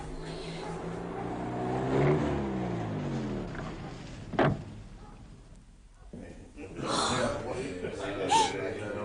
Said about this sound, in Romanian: Uite! Mașinile s-au oprit chiar în fața închisorii.